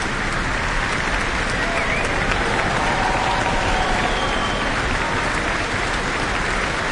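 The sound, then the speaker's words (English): Sustained, dense applause from a large audience, a steady wash of many clapping hands with no pauses, loud and unbroken throughout: a standing ovation for the New Zealand Symphony Orchestra in the Town Hall after Bolero, with conductor Andre De Ridder. “Looks like a standing ovation for the New Zealand Symphony Orchestra in the Town Hall tonight.”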